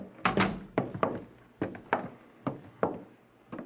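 door being closed

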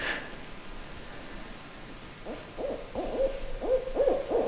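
owl hooting

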